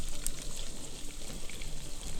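A steady, crackling sizzle as a mixture is poured into a hot pan over strong heat, with dense high-pitched hiss and spitting pops holding at an even level throughout, no voices.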